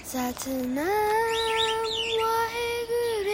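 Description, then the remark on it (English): Birds chirp over a steady, tonal call. Quick, warbling high notes flutter above it for a few seconds, fairly loud. “What? The birds too?”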